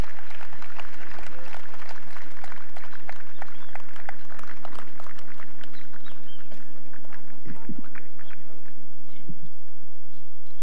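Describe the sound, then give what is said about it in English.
An audience at a 6 a.m. gathering applauds a speaker, a dense burst of clapping that thins to scattered claps over the second half, with a steady low hum running underneath. “President, and I believe he deserves a bigger round of applause.”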